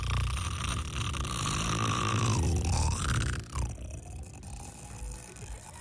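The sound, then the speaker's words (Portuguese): A woman snoring loudly, a rough, rattling drone through one long breath, with a whining tone that dips and rises before fading near the end. “Vou fazer um concurso de ronco aqui, beleza?”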